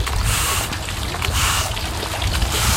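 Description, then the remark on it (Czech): Steady rushing water fills the scene as water is let into a 50-metre swimming pool in Lipník nad Bečvou, with rougher scraping bursts now and then as workers scrub the hard wet pool floor with long-handled brushes. No one speaks. “Pustíme tady vodu. No, vezmu kartáče a čistíme.”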